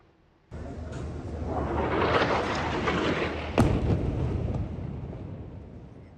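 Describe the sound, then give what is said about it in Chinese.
A powerful explosion from an Israeli airstrike on a mosque in Gaza City on the 28th bursts in abruptly, then a heavy, roaring rumble lingers for several seconds, broken by a second sharp crack partway through before slowly fading. No voices are heard. “加沙城是在28号发生了剧烈的爆炸，而以军轰炸当地一座的清真寺，而寺内的宣礼塔完全倒塌。”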